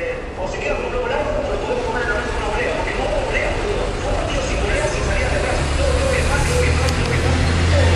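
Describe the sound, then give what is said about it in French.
Busy ambience at the main bus terminal in Buenos Aires, Argentina, with a steady rumble of idling engines and crowd murmur, plus a deeper engine growl swelling near the end as a bus moves by. “Direction la grande gare routière de Buenos Aires, 4 heures de bus pour me rendre à Rosario.”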